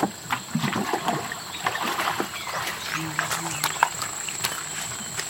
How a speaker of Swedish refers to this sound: Det låter som någon öser vatten eller någonting så. Vad är det som händer? Ja, här står jag i vattenbrynet vid Mekongfloden i norra Thailand med några fiskare som sköljer av sina långsmala båtar